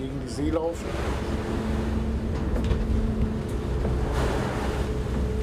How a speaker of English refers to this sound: I'll position myself parallel to him, adjust my speed to match his, and then try to pull up alongside his hull as gently as possible. It's going to be a bit rough, because we're picking up speed and heading into the waves.